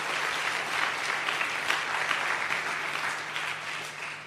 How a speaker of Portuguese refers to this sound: E nós queremos pedir uma grande salva de palmas para as organizações da sociedade civil.